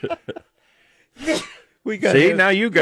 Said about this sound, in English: Now you got allergies. Now I'm sneezing.